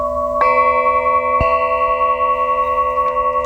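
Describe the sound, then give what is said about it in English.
Two clear metallic chime strikes about a second apart on prism-shaped crystal singing triangles, each ringing on with bright sustained tones that overlap and slowly fade, with no talking. “Why are you all anti-chimes?”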